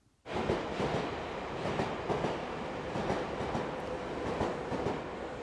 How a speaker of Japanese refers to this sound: やっぱりいいですね電車の旅っていうのはね、 はい、 風情があって、 はい、そうですね